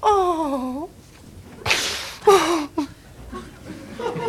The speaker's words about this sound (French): Tout le temps me foutre des gifles quand je veux pas manger des machins que j'aime pas.